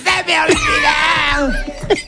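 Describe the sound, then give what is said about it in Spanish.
A man lets out a loud, sustained bellowing yell over a couple of seconds, raw and strained, while a family sings a song together, their voices faintly mixed in behind it. “Familia cantando una Espera, canción. Llega el gritito. Y llega el del berrido.”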